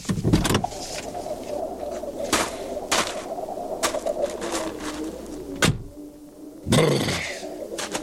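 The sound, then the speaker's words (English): A car towing a trailer rumbles with a steady low engine hum as it pulls up near a porch and idles, broken by a few sharp clunks and thumps, while birds coo faintly in the background. “I'll just pull my car and the trailer up here near the porch.”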